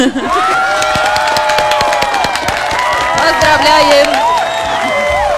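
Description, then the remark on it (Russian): A recorded applause sound effect: a burst of crowd applause with steady clapping, cheering and whoops, loud and continuous for several seconds, dense voices rising and falling under the clapping. “а я сейчас чуть-чуть запаздываю с аплодисментами, сейчас я их найду. Сейчас мы будем аплодировать.”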